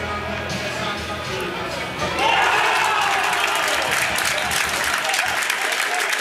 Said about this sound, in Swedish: Mycket fint mål av hemmalaget som alltså leder nu 1-0. Och får publiken här på Korsbergsvallen att ställa sig upp och jubla trots värmen.